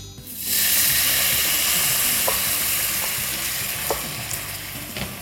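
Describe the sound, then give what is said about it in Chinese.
A loud burst of sizzling erupts as water is added to a hot wok of stir-fried ingredients cooked until nearly dry, settling into a steady crackling hiss with a few sharp pops and utensil clicks; no one speaks. “好， 那我现在呢就把炒了差不多，就是已经收水收干了，我就把这个水加进去。”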